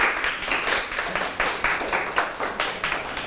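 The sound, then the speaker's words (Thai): Students in a Thai literature lesson applaud a classmate's good analysis, a brief burst of steady, overlapping hand claps lasting a few seconds at a moderate level, with no voices over it. “เหลียวเหลียวถูกต้องนะครับวิเคราะห์ได้ดีปรบมือให้เพื่อนครับ”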